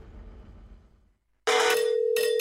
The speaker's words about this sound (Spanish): Imagínate que el 31 de julio de este 2026 suena tu teléfono y del otro lado te dicen ¡felicitaciones! ¡Ganaste una casa!